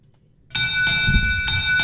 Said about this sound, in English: That's the Derby bell and means it's time for MVY Radio's Derby Report